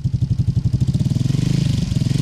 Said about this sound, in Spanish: ¿Quién llega? ¿Quién llega? Ah. La moto.